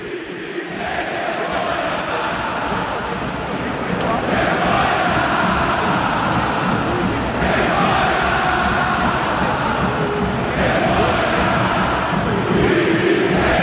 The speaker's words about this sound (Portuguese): Time sem vergonha está sendo equado por todo o Maracanã, tá? Setor leste, setor oeste, setor sul, vaias novamente na saída do time. O clima é hostil, ó, mais uma vez agora. Zubeldía xingado na saída do gramado.